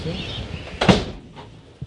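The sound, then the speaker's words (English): An ornate door swings open or shut with a short wooden creak and thud, followed by a fainter knock near the end over a quiet background. “Look at these ornate doors.”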